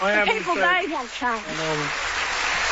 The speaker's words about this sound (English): Look. So she certainly got a round of applause from the crowd